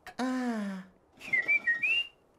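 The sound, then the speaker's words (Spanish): A person whistles a short, wavering tune of a few clear high notes, moderately loud, right after a brief drawn-out vocal sound. “Oye, ¿sabes silbar?”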